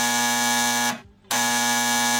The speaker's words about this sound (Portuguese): O telefone tocou!